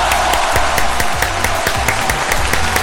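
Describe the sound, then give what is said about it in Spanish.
A steady, loud wash of crowd applause played on Radio Carnaval in Antofagasta, many hands clapping densely for about three seconds with no talking over it. “Así es que un aplauso para ustedes por preferir la Radio Carnaval de Antofagasta.”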